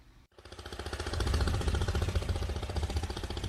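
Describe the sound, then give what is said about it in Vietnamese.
A small longtail boat engine on an inland canal in Vĩnh Bình commune, An Giang province, Vietnam, in the early morning, as boats head downstream to market. It chugs loudly with a rapid, steady knocking rhythm and deep rumble, rising quickly after a brief silent break at the start and holding a strong, rattling drone. “Sáng sớm trên tuyến kênh nội đồng ở xã Vĩnh Bình, tỉnh An Giang, tiếng máy vỏ lãi rộn ràng, nối nhau xuôi dòng ra chợ.”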